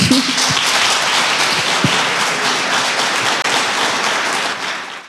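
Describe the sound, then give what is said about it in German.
Steady audience applause for the guests on Radio Sachsen's Schul-Sachsen-Sofa fills the whole stretch, a dense wash of many hands clapping at even loudness, fading slightly at the very end, with no voices over it. “Euer Applaus.”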